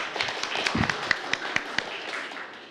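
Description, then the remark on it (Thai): Students in a science class applaud a classmate group after it answers a question about mixtures in beakers: a steady patter of many overlapping claps, with a few sharper hand-claps standing out, fairly soft and lasting just under three seconds. “ครับผมปรบมือเพื่อนด้วยครับนักเรียน”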